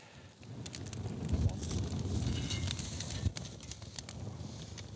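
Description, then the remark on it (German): Oysters topped with bacon, red onion, grated cheese and thyme grilling for a few minutes over an open fire outdoors, with a steady sizzle and scattered sharp crackles and pops from the flames, continuous throughout with no voices. “Und schließlich ein paar Minuten aufs Feuer.”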